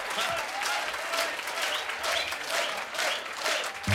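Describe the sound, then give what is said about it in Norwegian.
An audience applauds a dance band at the end of an evening's performance, a dense wash of clapping hands that holds at a fairly even loudness throughout, with no voices standing out above it. “Ja, da gir vi en ekstra applaus til dansebandet for en fremragende kveld.”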